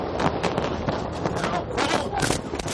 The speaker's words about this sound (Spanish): Este es el momento en el que una periodista de ABC News corta su retransmisión y se tira al suelo para resguardarse ante la cercanía del sonido de los disparos.